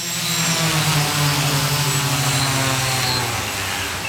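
A delivery drone flying, its rotors giving a steady, loud buzzing whine with a low hum and airy hiss that holds for about four seconds, slightly wavering in pitch, with no voices.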